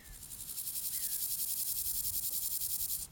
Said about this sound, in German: Folgt man dem Trampelpfad vorbei an der Vogelschutzzone, gerät man in ein besonderes Habitat auf dem Tempelhofer Feld, den ehemaligen Taxiway, wo früher Flugzeuge geparkt wurden. Genau, das ist jetzt das, wo die ganzen Heuschrecken sind.